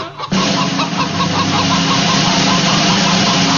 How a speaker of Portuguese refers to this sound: É a galinha, o bicho de hoje.